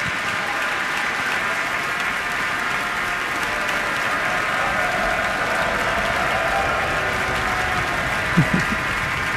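Sustained, dense applause and a standing ovation from a large Minnesota Orchestra audience for an orchestra member retiring after 29 years, a steady wash of clapping with no pauses, holding at an even loudness throughout, with a brief louder bump near the end.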